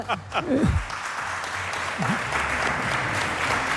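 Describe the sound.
A room full of people claps steadily in a dense, sustained burst of applause, with a few voices briefly audible underneath at the start.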